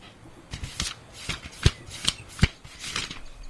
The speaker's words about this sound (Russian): зашелестел страницами книги.